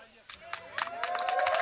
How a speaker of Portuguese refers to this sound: Como podem ouvir, o pessoal aplaude. E, portanto, está neste momento dentro do no recinto com os agricultores que estiveram na construção, juntamente também o arquiteto, a equipe que construiu este teatro de palha.